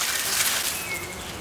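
A wasp buzzes steadily and fairly loud for a moment and a half, a close, continuous whirring hum with no pauses and no voices.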